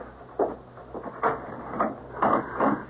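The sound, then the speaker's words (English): A door being opened to answer it, heard as a handful of short mechanical clicks and rattles from the latch and hinges, with no voices. “Better, I suppose, to answer the door.”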